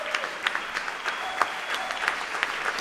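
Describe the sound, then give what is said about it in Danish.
An audience applauds steadily, a dense patter of many hands clapping, with a few sharper individual claps standing out, after a performance of Clara Schumann's piano trio at Unitarernes Hus on Østerbro. “Og de spiller altså for et begejstret publikum her i Unitarernes Hus på Østerbro.”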